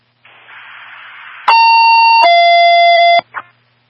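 A loud two-step electronic dispatch alert tone: a burst of static gives way to a steady high tone that drops to a slightly lower pitch, then cuts off with a short click, heard over radio.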